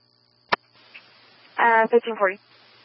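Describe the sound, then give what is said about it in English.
A sharp radio key click, then a thin hiss of static with a steady high whine, followed by a brief burst of muffled, garbled voice transmission before the hiss returns. “Static force there”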